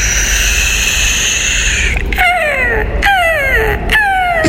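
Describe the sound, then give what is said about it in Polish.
A seagull gives a quick series of about four loud, descending cries, each sliding downward in pitch, after a couple of seconds of steady humming background noise. “To jest mewa zamknięta.”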